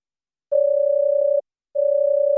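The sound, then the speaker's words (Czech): A telephone ringing tone on a call to the Havelka coal warehouse firm: a steady, mid-pitched electronic tone sounds in two even bursts separated by a short silence, with no voices. “Helejte, k vám se taky dovolat.”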